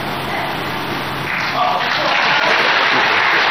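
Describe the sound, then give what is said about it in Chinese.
An audience at a stage performance breaks into applause after a recited poem about Yue Fei: a dense, steady wash of many hands clapping that grows a little louder partway through and keeps going to the end. “别着急鼓掌，鼓掌的机会在后面。”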